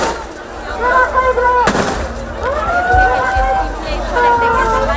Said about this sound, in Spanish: La situación se ha desbordado en algunos momentos, por lo que la policía ha tenido, como les digo, que hacer disparos al aire y utilizar sus porras para contenerlos.